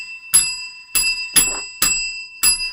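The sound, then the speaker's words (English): A bright bell rings out six times in quick succession to mark pledges on a fundraising tally board, each sharp strike leaving a brief metallic shimmer, loud with no talking. “There's a number of bells we've got to ring.”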